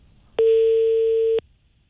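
A single steady telephone ringing tone, an electronic hum lasting about one second, sounds clearly against a quiet background as a Hebei Traffic Radio host phones a furniture company manager and the call goes unanswered. No one speaks.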